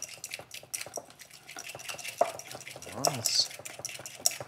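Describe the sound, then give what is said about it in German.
Egg yolk with apple cider vinegar being stirred into a small creamy base for a dressing: a utensil scrapes and taps quickly and steadily against a bowl, with brief clinks and a soft, wet swishing throughout. “So, und jetzt stelle ich erstmal so eine kleine cremige Masse her.”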